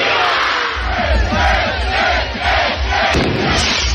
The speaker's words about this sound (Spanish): Así ha sido el disparo del cohete en ese balcón del ayuntamiento a cargo del alcalde Jorge Salaberry. Son las últimas fiestas de este año en Nájera